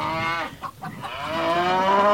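A cow moos loudly, one short low call followed by a longer, drawn-out moo that rises slightly in pitch, with no talking.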